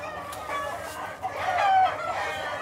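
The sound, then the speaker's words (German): A flock of brood hens clucks and chatters continuously in a barn, with a rooster crowing through the middle of the busy, steady clamor. “Der Hahn und sein Tretakt ist hier allgegenwärtig.”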